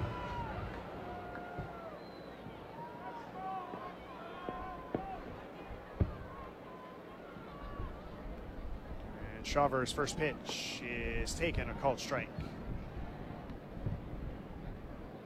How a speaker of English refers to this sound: Well, the new round of fireworks beyond the ballpark to the left field side, I mean, those are still big and high. I got a feeling almost everyone can see those.